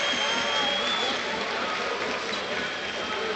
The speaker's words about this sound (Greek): Χειροκροτεί ο κόσμος του Παναθηναϊκού.